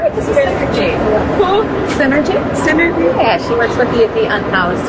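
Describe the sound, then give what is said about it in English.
Dense crowd hubbub fills a historic station hall near the US Capitol, with vaulted gold-leaf ceilings and a white granite floor, as travelers bustle towards trains and buses; overlapping indistinct voices and a steady wash of movement and footsteps, continuous and moderately loud throughout. “Under vaulted ceilings decorated with gold leaf, travelers bustle towards trains and buses.”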